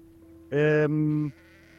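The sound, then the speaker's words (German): A single drawn-out sheep bleat, loud, with a strong harmonic, slightly wavering tone lasting under a second before fading into quiet outdoor background. “Also, hier wollen wir den Themenschwerpunkt darauf legen, weil wir jetzt auch schon die Schafe sehen.”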